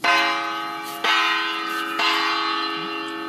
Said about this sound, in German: Am 6. Mai 2026 wurde der österreichische Pavillon mit einem Glockenspiel eröffnet.